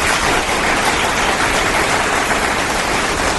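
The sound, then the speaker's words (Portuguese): A large crowd applauding, a dense, steady wash of many hands clapping at once that stays loud and even throughout, with no voices over it. “Uma multidão de palmas agora.”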